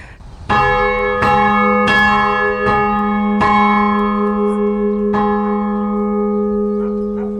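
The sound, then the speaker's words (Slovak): A single church bell in a belfry, a bell that came from Liptovská Mara, a flooded village, is rung by pulling its rope. It is struck loudly about six times at an uneven, slowing pace, each clang blending into a long, rich, humming resonance that lingers and slowly fades. “v zvonici sa zvoní zvoncom, ktorý je z Liptovskej Mary.”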